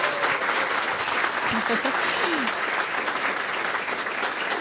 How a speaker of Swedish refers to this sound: Vi kan väl ge dem en applåd också.